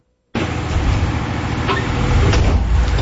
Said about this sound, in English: In Kitchissippi Ward, change isn't exactly knocking at the door, is already tearing some of them down. This will be the soundtrack for a while. It's constant new homes and high-rises being built. This is the daytime noise.